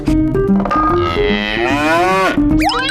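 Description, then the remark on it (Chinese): A person in Yadong County, Tibet, imitates a yak's grunt with a long, drawn-out, low moo-like call that wavers in pitch for about three seconds, ending in a brief rising sweep, with no other talk. “牦牛的哼叫声，能不能跟我们学一学？”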